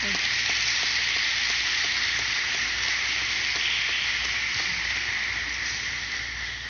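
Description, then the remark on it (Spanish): A church audience applauds a priest steadily, a dense wash of many hands clapping that holds level for several seconds before easing off slightly at the end, with no voices standing out. “Creo que debemos darle un gran aplauso.”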